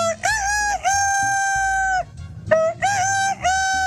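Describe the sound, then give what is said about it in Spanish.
A man's voice imitates a fine rooster (gallo fino) crowing: two long, loud, strained cock-a-doodle-doo calls with wavering pitch, separated by a brief pause, with no other sound. “El fino hace así.”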